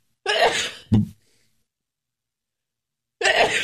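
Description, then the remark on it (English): A loud sneeze with a breathy build-up and a sharp final burst, then a few seconds of quiet before another similar explosive burst starts. “Bless you. Thank you.”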